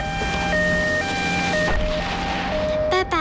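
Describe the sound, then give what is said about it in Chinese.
An ambulance stuck behind cars in a traffic jam sounds its siren, wailing steadily in a two-tone hi-lo pattern, switching pitch about every half second, loud over a low rumble of traffic. “哎，对对，哎，前面的车，对不起啊，后面有一辆救护车，大家让一让啊。”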